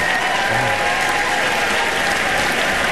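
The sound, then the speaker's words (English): A live audience breaks into steady, sustained applause, a dense wash of clapping hands that stays loud and even for the full few seconds with no voices standing out. “It's the right crowd.”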